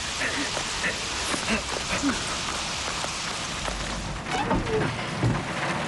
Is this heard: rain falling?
yes